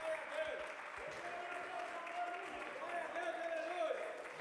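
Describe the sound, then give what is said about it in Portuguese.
An audience applauds steadily throughout, a dense, sustained wash of many hands clapping together, with scattered voices and faint cheers rising through the crowd noise, clapping for Jesus and welcoming the preacher of the early-morning vigils. “Não, então vamos receber com palmas para Jesus.”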